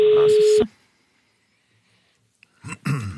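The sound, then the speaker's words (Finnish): A steady telephone ringing tone on the Radio Nova summer phone line sounds once over other noise, then cuts off into a pause before voices begin talking near the end. “Radio Novan kesäpuhelin. No niin, nyt se soi.”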